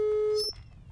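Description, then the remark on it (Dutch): A phone line's ringing tone sounds once, a steady electronic hum lasting under half a second before cutting off, leaving a low background hiss, as a call is placed to a man during a broadcast. “Dus ude bezig e bel den brada disi fu koina uitzending.”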